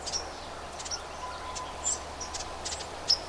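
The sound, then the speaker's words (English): A ruby-crowned kinglet in woods gives a few short, faint did-did-did scolding call notes, spaced irregularly over a steady background hiss, with no one speaking. “He's also making a little did-did-did-did-did scold sound.”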